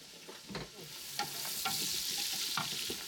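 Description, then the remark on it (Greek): Salted onions sizzle steadily in a hot pan as they sweat and soften, a constant hissing crackle broken by a few sharp scraping strokes as they are stirred, with no voices. “Μάλλον το αλάτι βοηθάει το κρεμμύδι να υδρώσει και να μαλακώσει πιο γρήγορα, να βγάλει τα υγρά του.”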